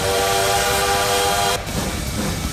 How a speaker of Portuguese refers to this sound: O trem bala tá aqui, ó.